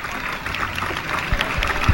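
An audience claps steadily for the president and board representatives of a choir being presented on behalf of the town council, a dense crackle of many hands that holds at an even, moderate loudness for the full two seconds with no voices on top.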